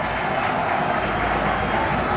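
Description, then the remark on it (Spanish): A stadium crowd at an Alcoyano football match gives a sustained ovation as the team comes out, a dense, steady roar of cheering and applause that stays loud and even throughout, with no voices standing out. “el Alcoyano lo va a hacer ahora y vamos a escuchar la segunda de las ovaciones.”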